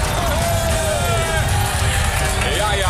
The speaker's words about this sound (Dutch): Dames en heren, mag ik een vet applaus voor René Schuup.